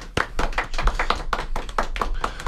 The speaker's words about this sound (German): Darum lasst uns die Gläser heben oder die Dosen, die Regler aufdrehen und diesen beiden tapferen Kapitänen des Radiodampfers applaudieren. Applaus